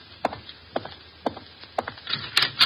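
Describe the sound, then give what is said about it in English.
Four evenly spaced footsteps thud across a floor, followed by a brief scraping rattle and creak as a wooden door is opened to answer an evening caller. No one speaks. “Answer the door.”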